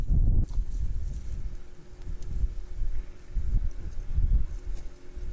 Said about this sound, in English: horse leaps about, alarmed. This is how training a horse always begins.